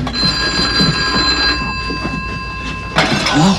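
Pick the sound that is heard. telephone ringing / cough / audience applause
telephone ringing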